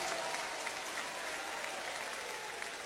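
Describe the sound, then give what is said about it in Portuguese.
A large audience applauds steadily, the dense clapping sustained and even throughout, filling the space with a continuous wash of hand claps. “Um aplauso, Senhor.”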